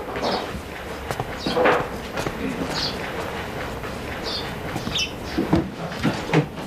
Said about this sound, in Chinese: 关门。